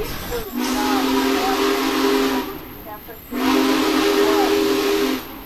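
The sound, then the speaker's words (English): The whistle of a Big Boy steam locomotive, blown by a rider on board, sounds two long, loud blasts, each a sustained tonal wail with hissing steam, separated by a brief pause. “He's gonna let me blow the whistle here.”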